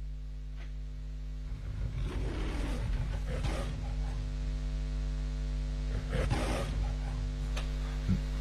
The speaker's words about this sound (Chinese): 美高梅，这是狮子吼，而且最早啊，他那个狮子吼，他真的是找了一只真狮子， 就他在等着他在那叫唤。